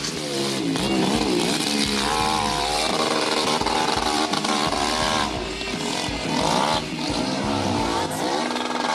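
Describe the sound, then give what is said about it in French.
A motorcycle engine screams and revs hard during a hill climb, its pitch climbing and dropping in rapid waves as the throttle opens and closes, loud and continuous with no talking. The motorcycle runs the climb in about 15 seconds on about a litre of petrol. “Un litre, parce que la moto, elle roule pendant combien de temps?”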